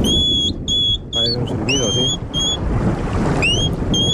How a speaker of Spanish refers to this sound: Aprovechando estos días de lluvia, este erizo está por la noche en uno de estos días lluviosos buscando babosas. Buen silbido, ¿eh?